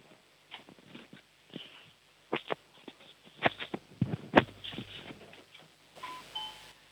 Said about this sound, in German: Die war leise, aber es war eine Türklingel zu hören.